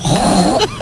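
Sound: woman imitating a pig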